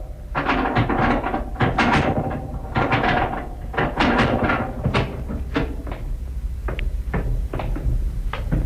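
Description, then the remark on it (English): A heavy hidden door behind a section of shelves hinged to swing out from a cellar wall being worked open, with a run of clunks, knocks and rattles spread over several seconds against a steady background hum, and no one speaking. “Section of shelves hinged to swing out from the wall, eh? With a heavy door behind.”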